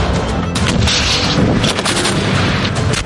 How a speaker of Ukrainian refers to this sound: Постріл!